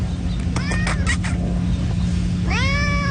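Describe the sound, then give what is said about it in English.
A friendly cat that came running out of the bushes outdoors gives a few short, chirpy meows followed by a longer, clear meow at the end, over a steady low background rumble. “Seemed very friendly, gave me a nice little friendly meow.”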